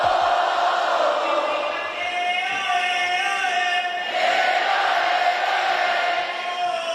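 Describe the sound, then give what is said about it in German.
A large concert crowd shouts and chants together along with the MC of an opening act, in a loud, sustained roar, many voices holding drawn-out tones in unison for several seconds, with a brief dip before surging again. “Gestern zum Beispiel war … bei dieser letzten Show Vor-Act von …. Und ich würde mal sagen, der hatte das Publikum ganz gut im Griff”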